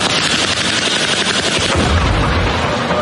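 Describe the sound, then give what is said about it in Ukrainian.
A munition strike explosion: a deep, heavy boom bursts out partway through a continuous loud, harsh crackling roar that fills the whole clip, with no voices. “О, прям сюди прилетіло.”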